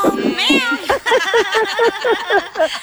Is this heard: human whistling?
no